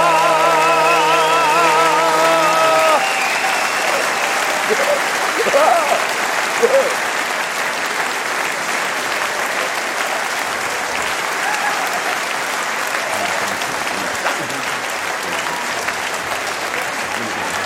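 An audience applauds steadily for the whole stretch, a dense, even patter of many hands clapping, with a held musical tone fading out in the opening seconds.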